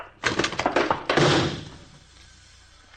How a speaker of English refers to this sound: Well, if you get the door, I'll toss the shell.